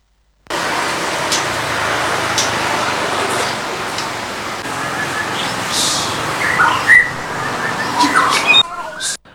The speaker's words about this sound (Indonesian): Bermodalkan hobinya memelihara burung murai batu kicau, seorang peternak nekat untuk membudidayakan burung murai batu Sumatera di pekarangan rumahnya yang berlokasi di Kota Padang Sidimpuan sejak tahun 2021 lalu.